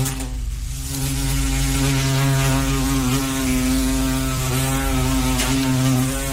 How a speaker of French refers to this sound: Voilà un bruit qu'on redoute pendant l'été, c'est celui des guêpes et des abeilles.